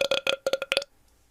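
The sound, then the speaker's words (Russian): A loud burp comes in a quick string of six or so croaky pulses lasting under a second, then cuts off into near silence. “Ладно, поехали, похуй, пускай рыгает.”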